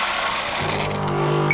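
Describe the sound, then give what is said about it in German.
Coffee beans being refilled into a coffee machine: a dense rattling pour, then a steady mechanical whirring hum takes over. No voices. “Kaffeebohnen nachfüllen.”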